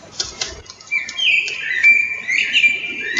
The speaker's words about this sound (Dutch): Ik kreeg een filmpje doorgestuurd. Daar kan ik wel een klein stukje van laten horen. In het begin hoor je het getrippel van een hert.